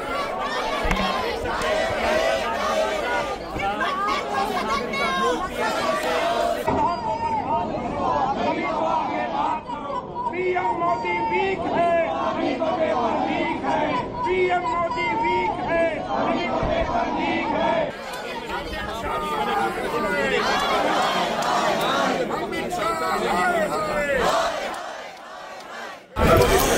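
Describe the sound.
Opposition MPs protesting at Parliament House in heavy rain over the paper leak chant slogans loudly and continuously, many voices rising and falling in rhythmic shouts, with a brief dip in the middle before the chanting surges again.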